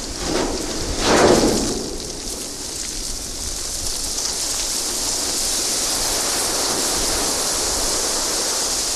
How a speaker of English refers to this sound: Now back to Antarctica. In addition to there being, all these amazing things to look at that I would imagine would inspire music, there are also very cool sounds in Antarctica. Here is a recording you made of the ship hitting sea ice.